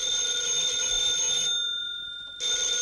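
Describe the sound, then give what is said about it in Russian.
A telephone rings with a bright, sustained electric bell tone, breaks off briefly, then starts ringing again as someone calls in with new requests; the ring is loud, with no voices. “Мы еще не выполнили те заявки, а уже видно, к нам звонят с новыми.”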